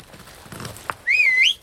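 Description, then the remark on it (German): A person whistles a single loud, clear note for about half a second, rising slightly, then bending up at the end, after a quiet stretch with a faint click. “So zum Pfeifen.”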